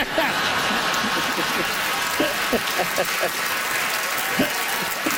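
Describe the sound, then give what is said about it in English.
A crowd claps steadily for about five seconds after an answer in a quiz, a dense, even wash of many hands with a few sharper claps standing out and faint voices mixed underneath. “Crowd's giving you two for that one.”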